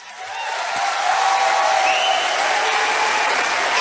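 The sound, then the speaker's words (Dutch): Sustained audience applause at a poetry night in a full hall, a dense wash of many hands clapping that swells in over the first second and holds steady and loud, with faint cheering mixed in. “Ik heb heel veel gedichten, niet te lang klappen.”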